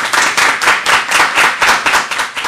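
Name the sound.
children clapping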